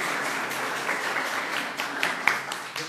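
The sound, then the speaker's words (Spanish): Steady applause from a crowd for a female quiz contestant after a correct answer, a dense, even wash of many hands clapping at moderate volume for about three seconds, with a few sharper claps standing out. “Un aplauso para su compañera.”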